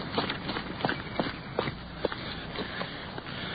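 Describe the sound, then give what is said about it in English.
Quick, hurried footsteps of police officers crunch along at a running pace as they leave their car and hurry around to the front door of a building, several sharp steps standing out over a steady background hiss, with no voices. “Sergeant Perkins is out of the car and hurrying around to the front door.”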